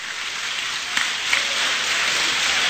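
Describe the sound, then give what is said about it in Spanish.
A crowd applauds the Lord, clapping steadily and densely, the many hands blurring into an even, hissing wash of applause that holds at a strong level throughout, with a few sharper claps standing out. “¡Aplauda al Señor!”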